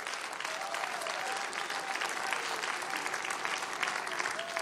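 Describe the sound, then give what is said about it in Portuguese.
A church audience claps steadily and continuously to the Lord for their visiting brothers and sisters, a dense wash of many hands applauding at an even volume with no pauses and no voices standing out. “Quem pode aplaudir ao Senhor pela vida dos nossos irmãos?”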